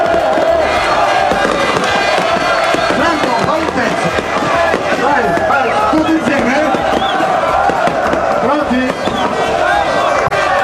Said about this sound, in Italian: ecco le bottiglie che vengono stappate, il bagno solito, Taranto in C2.